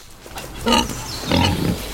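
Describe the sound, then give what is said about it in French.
A wild boar grunts twice, a short rough snort followed by a longer, deeper grunting burst, loud, with no one speaking. “Je ne sais pas si les sangliers en mangent, mais s'ils nous attaquent, jetez-leur des cupules.”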